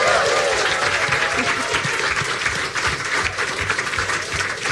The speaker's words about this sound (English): Welcome to the Monarch, the cozy, wonderful, member-supported listening room on Bardstown Road. Let's give the Monarch a big round of applause.